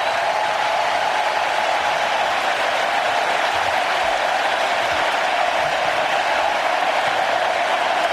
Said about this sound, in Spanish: La gente saca el móvil y ahí está, dorsal número 10, Leo Messi, 16 de junio, 3 goles, la ovación de canchas para el argentino.